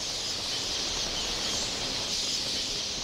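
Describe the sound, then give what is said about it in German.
A vast flock of millions of red-billed queleas sets off on the move, all calling at once: a dense, unbroken wash of high twittering chatter that merges into a steady hiss-like roar, loud throughout. “Die Blutschnabelweber machen sich ebenfalls auf den Weg.”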